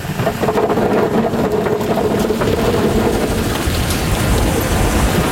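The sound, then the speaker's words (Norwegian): A tractor engine runs loud in a potato field with a steady low rumble and a rough, clattering mechanical noise throughout, while workers on the back of the tractor sort out clods of soil, stones and seed potatoes. No one speaks. “Bak på traktoren står Hans og sorterer bort klumper av jord og settepoteter sammen med sesongarbeiderne.”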